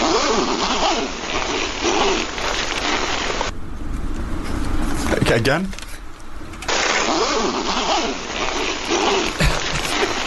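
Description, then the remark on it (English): A single zip pulled quickly, a short rasping sweep in a brief lull, played as the second sound in a sound-guessing game, with people talking before and after it. “Okay, here's number two. Zip number two.”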